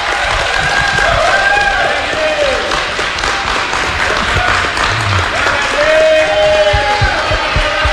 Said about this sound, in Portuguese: sinta a força, a fé, a alegria do povo que acolhe vocês aqui na Lapa, com uma grande salva de palmas desse povo de Deus. Escute, escute.